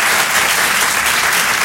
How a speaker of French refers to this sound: Mais juste par applaudissement ici, qui, par applaudissement, me comprend bien malgré mon accent? D'accord.